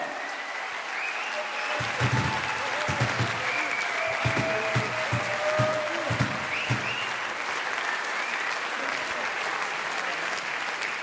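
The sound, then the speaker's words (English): A crowd at a live show applauds steadily for about eleven seconds, a dense, even wash of many hands clapping with a few louder bursts, and some cheering voices mixed in. “Clap sauce for house, everybody do it!”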